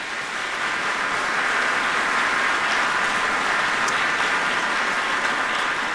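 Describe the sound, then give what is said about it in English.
Sustained applause from a sizable concert audience at the Ordway, thanking the staff and board of a vocal ensemble, a steady dense patter of clapping that holds at an even, fairly loud level for the full stretch with no voices on top. “Please give them a round of applause.”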